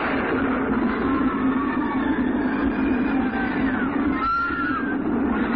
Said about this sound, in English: One knows what strange force has unleashed the runaway mine trains on Big Thunder Mountain, but every day, Big Thunder strikes.